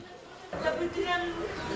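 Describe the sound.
A woman cries from inside as bodies of a child and a baby are carried to a morgue, shouting for her son, her wavering, sobbing voice rising suddenly after a brief murmur of background chatter and continuing in uneven, moaning bursts at a moderate level.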